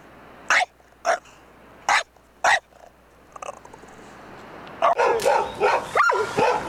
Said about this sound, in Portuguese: Ah, esse cachorro aí tá bom, esse daí tá fora. Latindo forte.